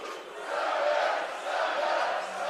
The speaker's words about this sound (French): Et vous entendez l'enthousiasme des spectateurs qui sont toujours présents, qui sont encore des milliers au Stade Canac, qui assisteront à des feux d'artifice dans quelques minutes à peine.